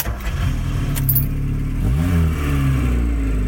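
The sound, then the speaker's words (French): A Peugeot 104 car engine turns over with a brief jingle of keys, then settles into a steady low rumble before revving up, its pitch climbing and holding. Fairly loud, with no voices. “Papa avait acheté une Peugeot 104. Il en était très fier.”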